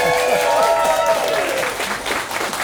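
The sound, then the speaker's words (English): A crowd in Merlin's pub in Birmingham applauds, a dense steady patter of many hands, with voices and a few whoops mixed in, loud throughout and thinning slightly toward the end. “A round of applause for that, I think, first of all.”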